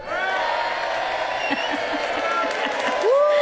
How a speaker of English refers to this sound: That's me and my friends cheering. And again.